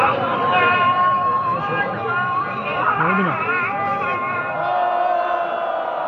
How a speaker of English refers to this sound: Those are protesters booing the call to prayer minutes before two people accused of treason are hanged on July 28th in a main square in Isfahan in central Iran. In a video posted online, they shout shame, shame at the executioners.